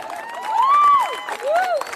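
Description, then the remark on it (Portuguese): A crowd at a music show claps steadily while people cheer and whoop, voices rising and falling above the dense patter of hands, filling the full two seconds at a lively level. “Uma salva de palmas, vocês foram foda.”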